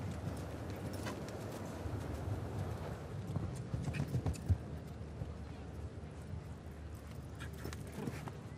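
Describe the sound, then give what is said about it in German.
Horse hooves thud and clop on the ground in an irregular series of steps as the horse steps backward during a show jumping round, over a steady low background murmur with faint voices. “Ja, oh, jetzt tritt das Pferd zurück.”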